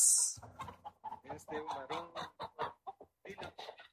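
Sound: hen clucking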